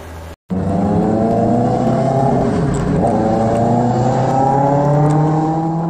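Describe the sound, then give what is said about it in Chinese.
Loud roaring of two-wheeled electric vehicles on a city road late at night with little traffic, a continuous whining engine-like drone that climbs in pitch as they rev and speed up, with no talking. “市民拍摄的画面显示，深夜车流稀少，但两轮电动车制造的轰鸣声格外刺耳，严重扰乱城市道路交通秩序。”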